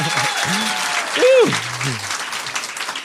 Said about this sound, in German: Und das jetzt in Applaus ummünzen. 10,0 Punkte klingen in Kreilsheim am heutigen Abend so bei 3, 1, 2, 3, yes!